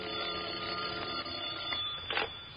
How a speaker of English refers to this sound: Until about 1 o'clock in the morning when the telephone started having hysterics on my night table.